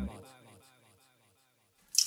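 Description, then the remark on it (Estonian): A voice fades into near silence, then a single sharp splash of water, like a kitchen tap dripping, breaks in loudly at the very end. “ma tilgun . kurdab köögikraan .”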